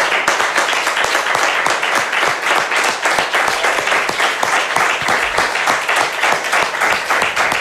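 Sustained applause from an audience, a final round honouring a man for his whole career, many hands clapping in a dense, steady patter that stays loud and even throughout, with no voices standing out.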